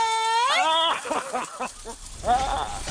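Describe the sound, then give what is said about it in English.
A cat meows loudly, a long drawn-out cry that rises in pitch, followed by several shorter, choppier meows and a final wavering one. “Your cat. Well, maybe not your cat”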